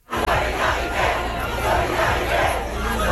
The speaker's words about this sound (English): The student protests, like this one in Paris today, began last week and spread across France.